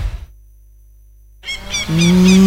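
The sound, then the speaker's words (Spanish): After a moment of silence, a cow lets out one loud, drawn-out low moo, while birds chirp faintly in the background. “Soy yo, Margarita, la vaca influencer. O sea, la vaca más seguida del país.”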